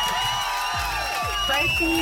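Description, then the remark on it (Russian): A burst of crowd applause and cheering, dense clapping with whoops and shouts rising over it, loud and continuous for a couple of seconds, played on a Europa Plus radio show to congratulate a quiz winner. “И эти аплодисменты для тебя.”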